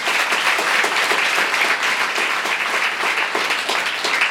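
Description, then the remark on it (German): Sustained audience applause for author Lena Gorelick, who has just received the Preis der Literaturhäuser: a dense steady wash of many hands clapping at even loudness throughout, with no voices over it. “Dafür bitte nochmal einen Applaus.”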